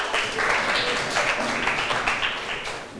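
Students in a classroom clap steadily for about three seconds for the representative of group 1, called up by the teacher to present; a dense, even patter of many hands with no talking over it.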